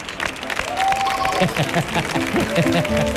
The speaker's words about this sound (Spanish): Fuerte el aplauso